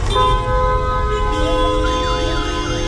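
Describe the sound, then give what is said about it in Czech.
Heavy traffic of cars, taxis, minibuses and donkey carts at the intersection by the Saidi Aishi mosque in Cairo, Egypt: a constant heavy engine rumble with several sustained car horns blaring at once, and a wavering siren rising and falling through the last second or so. “Totální chaos aut, taxíků, mikrobusů a oslých spřežení tady na křižovatce u mešity Saidi Aishi jasně vysvětluje, proč je hlukové znečištění Káhyry tak pekelné.”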